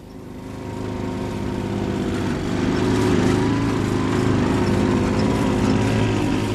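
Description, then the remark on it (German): Small two-stroke moped engines drone steadily together, a buzzing, harmonic rumble that swells slightly louder after the first few seconds and holds on without any talking. “1-0 für die Mofas.”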